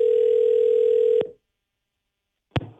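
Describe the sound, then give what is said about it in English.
A steady, mid-pitched ringing tone of an outgoing phone call holds for just over a second, then cuts off with a click. Silence follows until a second sharp click sounds, like the line being picked up. “And I got to tell you, this was great to get this message if they pick up here.”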